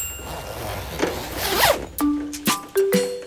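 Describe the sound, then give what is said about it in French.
Toudou pulls on his raincoat to go and play in the rain, with soft fabric rustling, followed by several quick, raspy zipper strokes in short bursts, accompanied by a few gentle sustained musical tones. No one speaks. “Il enfile son imperméable.”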